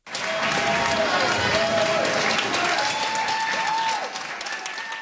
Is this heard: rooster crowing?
no